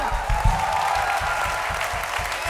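An audience applauds steadily, a dense wash of many hands clapping at an even loudness throughout, with a faint tonal hum running beneath the first half.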